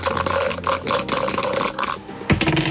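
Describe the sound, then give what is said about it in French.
Two dice, rolled in a jackpot game, rattle and clatter in a rapid, busy stream of sharp clicks for about two seconds, then land showing a 5 and a 4 with a single louder knock before a brief settling patter. “Allez, on lance les dés.”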